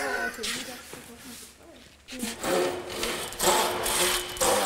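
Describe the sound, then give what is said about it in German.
An old hand saw rasps through wood in a few long, rhythmic full-length strokes, fairly loud, while a person talks over the sawing. “Jawohl, die Säge ist ganz bezahlt, dann darf sie auch auf ganzer Länge benutzt werden.”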